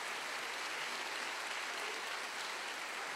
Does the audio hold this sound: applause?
yes